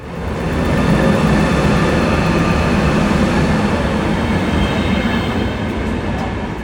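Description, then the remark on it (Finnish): A passenger train on the rail connection to Haparanda (Haaparanta) rumbles steadily along the rails, a loud continuous low roar with faint metallic hum, fading in at the start and holding constant throughout, with no voices. “Muistan, kun se oli iso askel, kun ensin Luleesta Haaparannalle muuttui junayhteydeksi, tai tuli myös junayhteysrinnalle, ja sitten tätä on odotettu kuin kuuta nousevaa”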